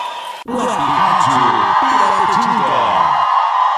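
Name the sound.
crowd shouting and cheering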